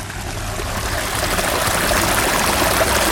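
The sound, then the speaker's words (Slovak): A small artificial stream, formed from rainwater in the garden of the monastery below Zniev (the Záhrada pod Znievom project), babbles and gurgles steadily, its splashing water flowing continuously at an even level with no voices. “ktorá stojí za projektom Záhrada pod Znievom a ako zurčí taký umelý potok.”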